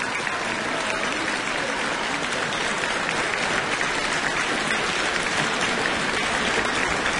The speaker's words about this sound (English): And continued applause for a wonderful performance from the two brothers, Lucas and Arthur Eusen.